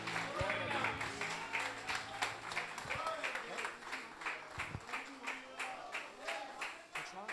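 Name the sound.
audience clapping hands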